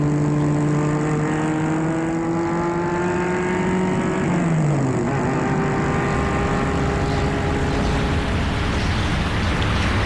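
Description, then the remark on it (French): A chauffeur-driven car's engine hums steadily as it heads into town along avenue de Courcelles, its pitch sliding down as the vehicle slows, with dense road rumble and faint traffic noise around it; no one speaks. “C'est le chauffeur qui le mène en ville, avenue de Courcelles.”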